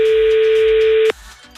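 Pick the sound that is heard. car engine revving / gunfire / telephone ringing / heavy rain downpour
telephone ringing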